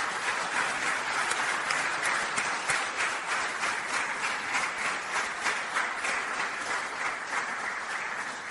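Sustained audience applause welcoming Mario Barbuto, President of the Unione Italiana Ciechi (Italian Union of the Blind): many hands clapping in a dense, steady wash of crisp claps that holds at an even, fairly loud level for several seconds with no voices over it.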